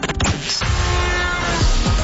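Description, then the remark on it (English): A brief, loud traffic sound effect introducing a traffic report on the roads: a dense wash of road noise and engine rumble with heavy low thuds and a few sustained horn-like tones, with no one talking. “And that sounds like traffic to me.”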